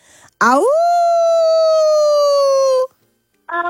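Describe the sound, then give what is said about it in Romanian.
A person imitates a wolf howl during an animal-imitation guessing game: one long, loud, sustained vocal tone that swoops upward at the start, then holds steady for about two seconds before cutting off. “Lupul.”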